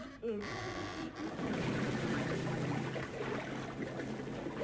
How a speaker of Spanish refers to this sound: Por segunda vez son sumergidos en el agua del pozo.